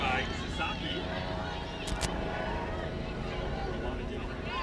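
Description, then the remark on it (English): A medical helicopter flies right overhead toward Stanford Medical Center during a Stanford Cardinal soccer match, its steady, droning rotor-and-engine rumble filling the whole stretch at an even loudness, with faint crowd murmur beneath it. “Helicopter flying right above us.”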